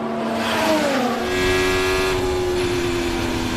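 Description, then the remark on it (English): A high-revving Formula One engine screams past at the Miami Grand Prix, its pitch sliding downward and then holding a steady, loud whine, with a dense roar underneath and no voices. “Welcome to the Miami Grand Prix.”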